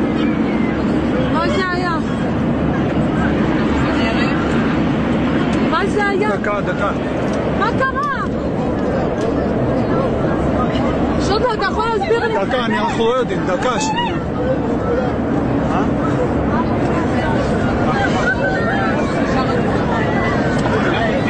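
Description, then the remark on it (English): A crowd of passengers on a plane heading to Israel shouts and cries out in alarm as the plane drops after someone stormed the cockpit, over a constant, heavy cabin roar, with several sharp rising yells breaking through the dense, agitated babble. “And know that somebody has stormed the cockpit, the plane just dropped, your heart's in your throat, you think you're gonna die. This is what that sounded like.”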